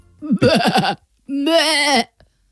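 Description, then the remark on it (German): Someone imitates a lamb's bleat: a short, wobbling quaver followed after a brief pause by a longer, steadier nasal bleat, both fairly loud with no other sound. “Das ist ja ein Blöken.”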